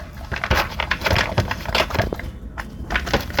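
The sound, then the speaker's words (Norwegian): A dog named Bolt eating: steady, irregular crunching and chewing of dry food, with sharp bursts coming several times a second and no voices. “med hunden Bolt, som også driver og spiser.”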